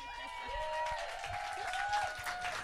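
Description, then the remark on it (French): An audience at a stand-up comedy show applauds a comedian steadily for a few seconds, a dense wash of clapping with sustained cheering voices or whoops rising over it. No one speaks clearly. “On va applaudir bien fort la première qui était DL.”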